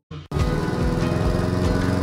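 A lawn mower engine sputters briefly, then catches and roars into a loud, steady drone with a rhythmic low chug, running continuously.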